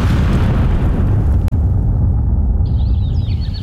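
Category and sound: sound effect, explosion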